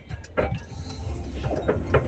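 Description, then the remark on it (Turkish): An old car, about to fall apart, rattles and clatters over a steady low engine rumble, with a few sharper knocks standing out now and then, heard from inside the vehicle. “Evet, biraz önce bir dinleyicim aracından sesli mesaj gönderdi ama araç takır tukur takır tukur dökülmek üzereydi.”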